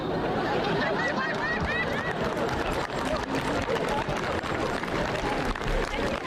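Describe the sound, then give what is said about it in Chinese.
Steady audience applause fills the whole stretch, dense and even in loudness, with crowd murmuring and some voices mixed into the clapping, during a stage comedy performance after a joke about steamed bear paw. “还鼓掌呢，这掌废了，他舔脏了，你们还吃吗？”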